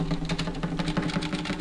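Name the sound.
typewriter typing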